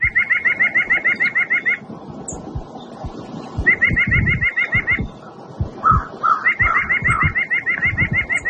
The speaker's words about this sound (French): Si vous l'avez déjà reconnu à la maison, c'est que vous êtes quand même un bon connaisseur. C'est la citelle à poitrine blanche. C'est l'oiseau qu'on va parler aujourd'hui.